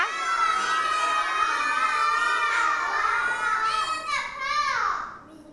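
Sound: children shouting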